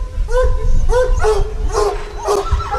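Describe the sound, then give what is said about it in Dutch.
Several hunting hounds at a trail hunt in a field bark and yelp in quick, overlapping bursts, some calls rising into high whines, with a steady low rumble of outdoor noise underneath. “Tijd om het spoor voor de honden uit te leggen.”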